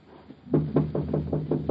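knock on a door

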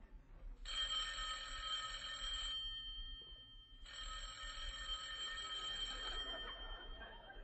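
telephone bell ringing

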